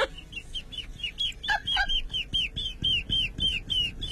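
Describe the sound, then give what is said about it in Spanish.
A person imitates a baby chick, producing a steady run of about a dozen high, thin peeps, each sliding downward, in a quick, regular rhythm, fairly loud. “Ah, aquí no hay concursos de sonidos de pollitos.”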